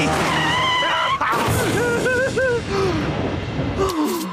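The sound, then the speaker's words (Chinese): A long, loud screech of skidding tires as a vehicle brakes hard with an emergency brake device, the squeal wavering up and down in pitch for several seconds over a rumbling engine before cutting off. “既然这是一个紧急情况，那么我们就用这个紧急刹车装置怎么样？”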